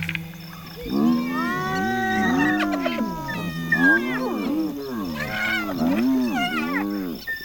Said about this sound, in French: Qu'est-ce qui vous prend de beugler comme ça, les hyènes? Y a du danger dans l'air? Toute la meute s'est arrêtée de manger et fixe un point à quelques mètres au-delà de la clairière.